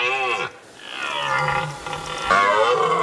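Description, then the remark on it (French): A red deer stag bellows its rutting call in loud, drawn-out roars, three groaning bursts in quick succession with no voices over them. “Ah, pas mal, les enfants, le vrai brame du cerf. Écoutez, ça fait ça.”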